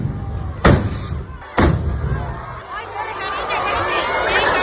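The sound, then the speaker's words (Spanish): Two sharp, loud bangs go off about a second apart as festival rockets accidentally explode at the opening chupinazo of the fiesta in Noaín, Navarra, their fuses lit by sparks from the first two, on the town hall balcony and over the crowd in the square, followed by the steady murmur and chatter of a large crowd. “Pues era el momento en que las mechas de varios cohetes que se iban a lanzar se han prendido con las chispas de los 2 primeros y han estallado en el balcón del ayuntamiento y sobre la multitud que se congregaba en la plaza.”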